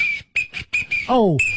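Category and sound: signal or alarm, whistle being blown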